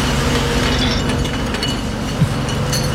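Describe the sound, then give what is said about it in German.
A steady, low engine drone with a broad wash of road noise, holding an even level throughout, with a few faint rattles and clinks on top, as a bus drives across an airport apron with the national team on board. “Da fährt der Bus übers Rollfeld des Flughafens an Bord.”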